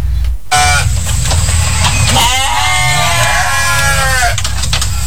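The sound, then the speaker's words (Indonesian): Goats bleat loudly in a simple pen of wood with a zinc roof at a home in Lempake, Samarinda, Indonesia, several overlapping wavering cries carrying over a steady low rumble of background noise, with no one speaking. “Suara kambing terdengar dari kandang sederhana di lingkungan rumah Sukiman di kawasan Lempake, Samarinda.”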